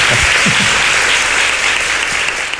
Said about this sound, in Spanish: Jesús Callejo, como siempre, te llevas este aplauso, muchísimas gracias por habernos ayudado a hacer un poquito más.